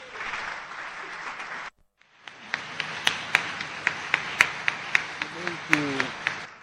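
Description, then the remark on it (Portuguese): A large crowd at a ceremony honouring President of the Republic Daniel Francisco Chapo as African champion in disaster risk reduction applauds loudly, breaks off for a brief moment, then resumes with the clapping settling into a steady, rhythmic unison beat. A voice briefly rises underneath near the end. “Uma salva de palmas.”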